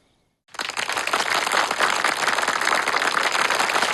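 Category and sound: crowd, audience applause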